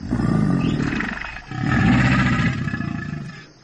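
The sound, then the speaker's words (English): An alligator growls in two long, deep, rumbling bursts, the second slightly longer, loud and throaty with a guttural rasp and no talking. “That said, gators definitely know how to growl.”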